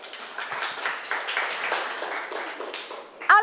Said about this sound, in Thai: ปรบมือเป็นกำลังใจให้กลุ่ม5หน่อยค่ะ